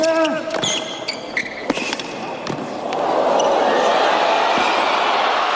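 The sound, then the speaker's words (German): Sharp, scattered court sounds, quick thuds and squeaky tones, fill the first few seconds before a loud, sustained crowd cheer rises and roars on steadily to the end of a tennis rally in the US Open quarterfinal between Ben Shelton and Carlos Alcaraz in New York. “Da geht das Publikum so richtig mit und es hört auch gar nicht mehr auf.”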